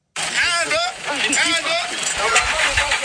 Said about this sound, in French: Des coups d'accélérateur et de 4x4 pour tirer ce camion de 18 roues dans la boue, mais sans succès. Le véhicule est pris au piège.